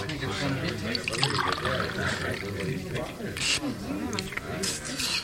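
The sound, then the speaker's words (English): Water for drinking pours in a steady, splashing stream for several seconds, while voices murmur and talk underneath. “Now he's drinking the water.”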